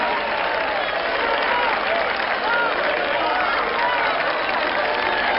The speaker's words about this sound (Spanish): ¡Un aplauso!